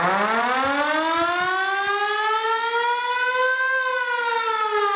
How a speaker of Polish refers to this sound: My możemy włączyć koguty w naszym odrestaurowanym samochodzie, czy mogą zakręcić syreną.